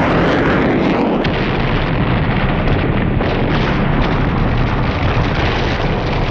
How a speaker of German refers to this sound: Der Pilot muss die Kontrolle verloren haben. Er sieht den Wagen von der Straße in ein angrenzendes Feld, als es einen lauten Knall und eine gewaltige Explosion gibt.